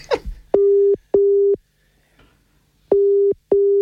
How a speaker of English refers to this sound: It's going to ring her and put her on loudspeaker. Yeah, I'm going to ring her. Here we go.